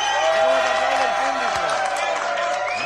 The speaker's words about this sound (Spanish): como cantan los hippies de Moreda. Sí, señora, mira qué ovación, ¿eh?